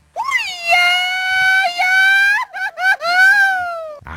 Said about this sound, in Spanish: Ándale, acá un más grito de celebración, así como la celebración de fiestas patrias.